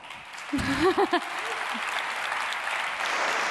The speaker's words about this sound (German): Also viele von unseren Kollegen und Kolleginnen, die haben heute auf der Bühne gestanden. Einen großen Applaus an euch schon mal.